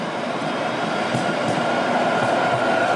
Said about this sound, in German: Wir laufen jetzt schon, ohne dass man unsere Schritte hören wird, aber natürlich die Verkehrssituation hier um uns herum. Wir sind auf der Mainzer Landstraße, wenn ich richtig liege. Das ist ja eine der Hauptadern von Frankfurt.